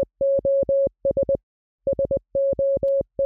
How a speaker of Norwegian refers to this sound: Hvis du skal sende et SOS-signal med morse, så høres det sånn her ut.